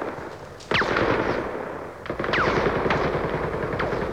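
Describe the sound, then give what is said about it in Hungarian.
Loud, sustained machine gun fire: a dense, rapid rattle of shots with no pauses, sharpening into heavier bursts twice, with no voices heard. “Tüzet szüntess! Tüzet szüntess!”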